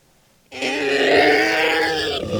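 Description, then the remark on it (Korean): A monster, tearing at its head with both feet, erupts in a guttural howl after a brief silence that holds loud and steady for nearly two seconds, rough and growling with a harsh, strained edge. “현우를 떨어뜨린 괴수는 양발로 머리를 쥐어뜯으며 울부짖기 시작했다.”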